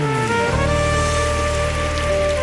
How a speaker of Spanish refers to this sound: Dale fuerte el aplauso. Aleluya.